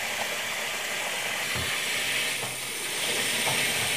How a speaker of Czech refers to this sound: Předvedem, názorně natočím. Normálně vodu natočíte. Natočím normální vodu.